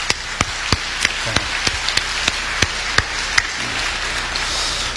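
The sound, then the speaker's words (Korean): A church audience claps together to thank the volunteers who serve, in a steady, dense patter lasting the whole stretch, with a few sharp, louder individual claps popping out of the wash of sound. No one speaks. “우리 수고하는 모든 분들, 우리 수고하는 모든 분들을 위해서 우리 박수로 함께 우리 한번 감사를 드리죠.”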